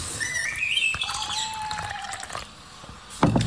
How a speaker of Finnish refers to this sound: Saanko mä kaataa sulle nyt tätä kahvia? Kun kerran keitit toisen pannullisen. Noin.